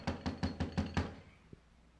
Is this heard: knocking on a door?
yes